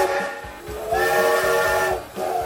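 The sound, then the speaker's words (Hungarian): A Hungarian MÁV steam passenger train locomotive's whistle blows loud in one sustained, reedy blast over a steady wash of hissing steam, dipping briefly near the end before the hiss surges back. “1984-ben ezen a napon a MÁV leállította az utolsó magyarországi gőzvontatású személyvonat forgalmát.”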